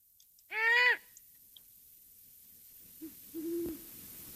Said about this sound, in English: Let's listen to the call of a female great horned owl.